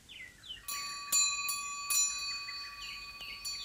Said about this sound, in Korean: 아, 여러분, 이 소리 들리시죠? 기와 처마 끝에서 바람을 따라 울리는 풍경 소리인데요. 바쁜 명절인데 마음이 참 편안해지죠?